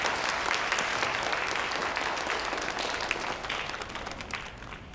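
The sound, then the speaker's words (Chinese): An audience applauds steadily to welcome a former patient up to give the opening speech, a dense wash of many hands clapping at once that holds fairly even and eases slightly toward the end, with no voices over it. “来，大家鼓掌。”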